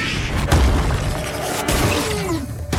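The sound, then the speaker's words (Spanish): A muffled bursting boom with a deep low rumble, followed by two more sharp cracking pops over a continuous gritty, hissing wash of noise: a balloon plant, struck by a rock dropped by a giant vulture, explodes in a cloud of purple dust and shoots out its spines. “Deck se agacha cuando la planta explota en una nube de polvo púrpura y dispara sus espinas.”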